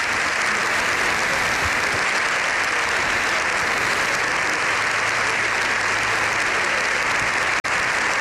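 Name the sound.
applause in parliament chamber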